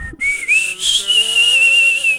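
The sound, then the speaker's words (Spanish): Someone whistles a short melodic tune from a Mexican ranchera song, clear and fairly loud, the notes sliding smoothly from one to the next in a continuous phrase with no voices. “Tú sabes, tú bien te lo sabes que si alguien te chifla el tarararí,”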